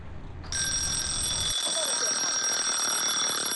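A timer bell starts ringing half a second in and rings continuously, loud and close, with a bright, steady metallic tone until the end; faint low background rumble before it fades out.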